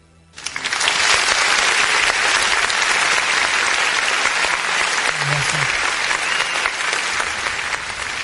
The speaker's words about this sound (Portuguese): Produção, eu quero os aplausos aí pra nossa gloriosa Polícia Militar do Distrito Federal. Parabéns. Aplausos para eles aí, produção.